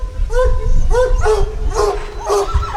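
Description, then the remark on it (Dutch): Hunting hounds at a trail hunt bark and bay in a quick, regular series of about five calls, fairly loud, over a low rumbling outdoor background. “Tijd om het spoor voor de honden uit te leggen.”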